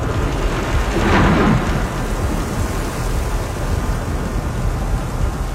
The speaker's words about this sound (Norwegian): De mørke skyene kom nærmere og nærmere, og vinden begynte å ule rundt dem. Bølgene vokste og vokste, vinden rev og slet i seilene, og de skjønte jo etter hvert at dette ikke var noe vanlig uvær. Det var i ferd med å blåse opp til full storm.